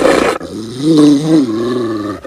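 A big dog, a Rottweiler emerging from behind a kitchen counter with lips pulled back over sharp white teeth, growls deep and menacingly, one sustained rumbling snarl that rises and falls in pitch after a brief noisy burst at the start.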